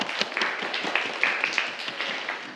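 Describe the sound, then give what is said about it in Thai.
A group of students in a classroom applaud at the teacher's request after a student correctly answers a question about blood pressure. It is a dense, steady patter of many hands clapping at once, fairly loud and continuous for a couple of seconds, with no talking over it. “ถูกต้องครับปรบมือเลยครับนักเรียน”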